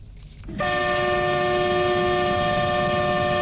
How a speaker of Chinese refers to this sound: 在义乌铁路西站，一列满载日用百货、汽车配件、机械设备等货物的浙江中欧班列一新欧缓缓驶出，经满洲里口岸出境，驶向俄罗斯。